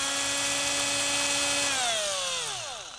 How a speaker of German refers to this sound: Dazu bohren wir in der Mitte des Dreiecks ein Loch. Gleich so.